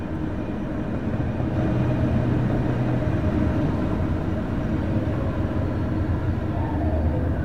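A steady, loud rumble of a passing train fills the whole stretch, a dense low roar with rattling texture and no pauses, continuous.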